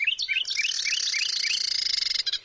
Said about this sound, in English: In North America, breeding pairs of Carolina wrens sing duets to strengthen their bond and defend territory. The male repeats a series of clear notes, accompanied by the female's steady trill.